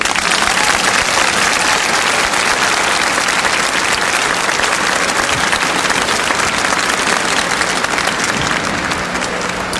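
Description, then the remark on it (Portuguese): Sustained audience applause, a dense, steady wash of many hands clapping at constant loudness for the full ten seconds, with no voices standing out. “Pode aplaudir.”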